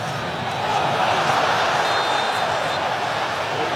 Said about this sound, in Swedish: Samtidigt så hör ni publiken vråla på arenan. Det är för att Mbappé kapas.